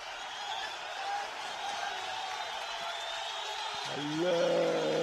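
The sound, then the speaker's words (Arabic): A stadium crowd at a football match involving Jeunesse Sportive Kairouanaise roars steadily, a broad wash of voices that swells louder near the end as a rising, sustained shout rises out of the noise. “الجمهور ما نعرفش فما تغيرت النتيجة في أحد الملاعب أم لا.”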